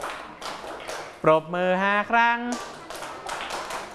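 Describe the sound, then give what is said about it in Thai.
Students in a class clap their hands five times at the teacher's instruction, a steady series of sharp, even claps, which pause briefly while a voice speaks over them and then continue in the same rhythm. “ทุกคนปรบมือ5ครั้งวางมือครับทุกคนปรบมือ5ครั้ง”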